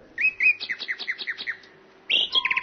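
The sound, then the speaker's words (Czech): A real nightingale and a key-wound mechanical nightingale sing together: a run of about a dozen quick, whistled chirps in a steady rhythm, then a brighter, buzzier trilling phrase cuts in at the end, clear with no talking. “Neklapalo to, jak si císař představoval, neboť skutečný Slavík zpíval podle svého a uměl jí podle strojku, který se v něm skrýval a který bylo třeba natahovat klíčkem.”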